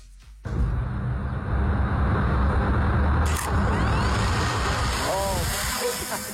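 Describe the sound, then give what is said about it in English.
A drone clicks into life and its rotors surge into a loud, steady buzzing whir as it lifts off, with a sharp tick midway and faint rising whines near the end. “I think usually drones are like connected to a base station, oh, and it clicks and then it lifts.”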